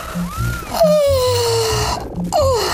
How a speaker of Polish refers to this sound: Tak, ziewnijcie. Gdy już ziewniecie, nie krępujcie się, ziewajcie szeroko.